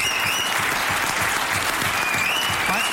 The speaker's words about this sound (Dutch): Ja, applaus, dames en heren.